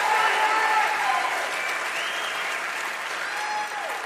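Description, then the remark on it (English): Steady audience applause for the next performer being introduced, a previous winner of the Spirit Award, Americana Award for Free Speech and Music, a dense wash of many hands clapping at an even, fairly loud level throughout, with faint crowd voices and a few whoops mixed in. “That's absolutely worth applauding.”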